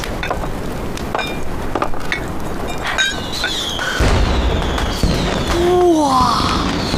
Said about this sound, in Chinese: 放烟花了， 好漂亮！ 这是谁放的烟花呀？